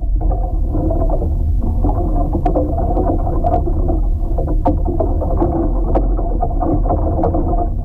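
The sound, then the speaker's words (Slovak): Trees sway in the wind, recorded with a geophone: a steady, loud low rush of air runs throughout, broken by scattered sharp creaks and knocks of wood at irregular intervals. “S Jonášom sa rozhodneme nahrať zvuky kolísajúcich stromov vo vetre.”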